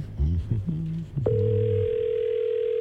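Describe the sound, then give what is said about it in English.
A brief burst of muffled, voice-like sounds gives way to a steady, unbroken telephone dial tone that starts abruptly and hums on evenly and clearly until the end. “Time to get somebody on the horn.”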